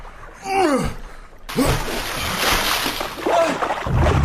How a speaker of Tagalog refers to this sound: Nahati ni Maestro ang ilog Jordan nang ihampas niya ang kanyang balabal sa ilog.